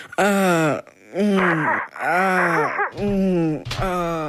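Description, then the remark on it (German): A voice imitates sexual moaning in four drawn-out, wavering moans with sliding pitch, loud and continuous with brief breaths between, no words spoken. “Naja, wie soll sich das anhören? Ungefähr so.”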